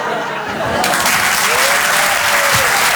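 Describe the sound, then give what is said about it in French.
Sustained, loud audience applause for comedian Julien Bing at the Apollo: a dense wash of clapping that swells after the first second and stays steady throughout, with faint crowd voices mixed in. “Vous l'applaudir très très fort, Julien Bing.”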